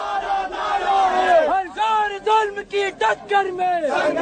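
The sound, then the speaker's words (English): A street protest crowd in Delhi, India, in 2012 shouts together in loud, rhythmic bursts, many raised voices rising and falling like a chant with brief pauses between phrases, over a steady murmur of more people. “It was so brutal that it galvanized people to take to the streets.”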